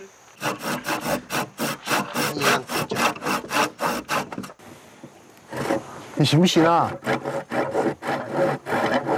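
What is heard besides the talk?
hand saw cutting wood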